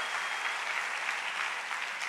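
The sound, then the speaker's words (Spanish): An audience applauds the King steadily, a dense, even wash of many hands clapping that fills the whole stretch without a break, with no voices standing out. “Si va a aplaudir al Rey, dele con ganas y grite un fuerte amén, por favor.”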